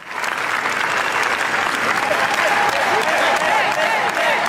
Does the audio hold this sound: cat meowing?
no